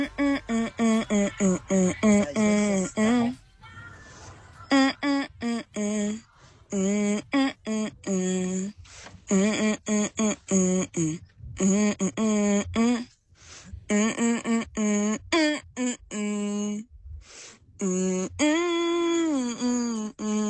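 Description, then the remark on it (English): A caller hums a song's melody over a phone-like line, a steady run of short sustained notes rising and falling with brief pauses, fairly loud, with no words. “Hum me the tune of the song that you want to hear.”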